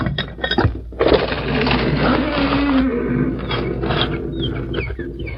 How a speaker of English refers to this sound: A door, even one on the side of a mountain, must lead someplace. It's probably locked. I can try this iron hasp and see whether it is or not.